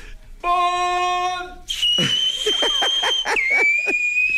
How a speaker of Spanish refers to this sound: Voy a chiflar así, lo prometo, ¿eh?